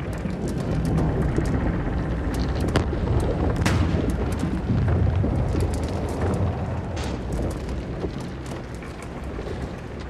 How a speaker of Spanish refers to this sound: Se escucha el ruido del barco y escuchas la presión en sus extremos. No se sabe si el barco se resquebrajaría. Las vigas comenzaron a romperse. Era como escuchar fuegos artificiales y armas disparando.